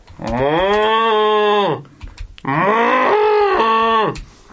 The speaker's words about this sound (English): Another hard day on the farm. I don't think they know it, Michael. Just listen to them cows.